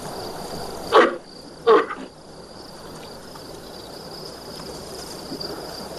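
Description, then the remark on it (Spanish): A large chimpanzee-like monkey gives two short, harsh threatening roars in quick succession at a tapir that is bothering it, over a steady high insect drone and faint ambient background. “Un tapir molesta a uno de los monos que le ruge amenazante.”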